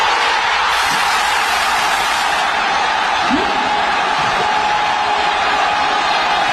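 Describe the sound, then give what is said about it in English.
A big crowd of Americans at a packed soccer watch party in Kansas City roars in a steady, dense wash of cheering and shouting, loud and unbroken for several seconds, with scattered whoops rising out of the din. “This big crowd of Americans in Kansas City watching the soccer match.”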